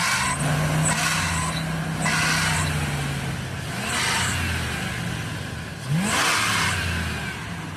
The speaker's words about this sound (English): When you give it the onions? Yeah, like if I'm pulling out of a parking lot or trying to pass you. So maybe. So it's when the engine's really rev?